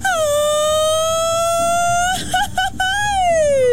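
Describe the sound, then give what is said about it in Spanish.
A loud mariachi grito: one long, high sustained cry that rises slowly, breaks into a few quick yelping warbles, then swells upward and slides back down at the end. “Un grito de mariachi, ya saben, a ver si me sale, ¿eh? El clásico.”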